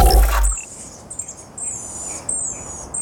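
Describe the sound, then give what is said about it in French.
A Chatham Island black robin sings a series of thin, high whistled phrases, clear, after a brief low thump at the start; no one speaks. “vous nous faites à nouveau écouter un bruit d'oiseau, celui-là c'est le miro des îles Chatham.”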